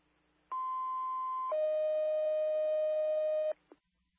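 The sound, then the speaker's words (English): Two steady electronic alert tones from a fire station's house alerting system being tested sound back to back, a higher pitched tone for about a second followed by a lower, louder tone held for two seconds, then a short click. “77 radio, can you test our house tones?”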